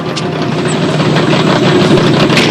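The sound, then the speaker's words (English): A hot rod engine roars loudly, a steady throaty rumble that holds without a break as the car revs and peels off, leaving another car covered in shaving cream with flat tires, with no voices over it. “They peel off, leaving the other car foamy and flat tired.”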